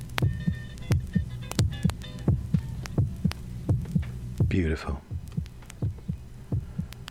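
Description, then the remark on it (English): A steady heartbeat, recorded with a microphone placed on the chest, thumps in regular paired pulses over a low hum, with a brief rising tone near the middle and a single word spoken softly. “So he just puts the microphone on his chest and records his heartbeat.”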